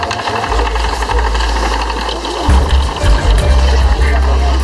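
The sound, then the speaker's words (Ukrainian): A wooden spinning wheel is turned by hand while thread is held, giving a steady continuous rhythmic clatter and whir with a deep thumping rumble that grows heavier in the second half. “А ето подкручвачка, б ти вже і що було тут? Ну, ціла машина.”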